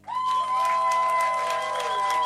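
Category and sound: crowd, audience applause and cheering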